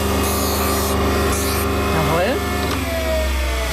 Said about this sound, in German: Das ist immer noch so ein bisschen scharfkantig. Ja. Da muss man jetzt per Hand mit dem Handschleifstein auch die Kante brechen.